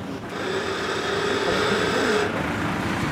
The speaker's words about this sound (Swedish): Det är den huvudkranen som hivar och så tycker jag att han ska sättas av en vakn som är fäster i ön.